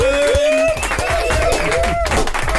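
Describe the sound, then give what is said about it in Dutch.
Loud, steady audience applause with dense clapping throughout, mixed with whoops and cheering voices rising and falling over the top, a fifth round of applause for the performing artists. “Laten we ze nog een vijfde applaus geven, dames en heren.”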